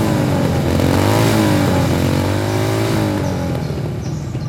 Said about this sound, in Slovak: Do frasa, kde sa tu berú motorky. Hej, vy tam! Čo je to tu? Motocyklová rally?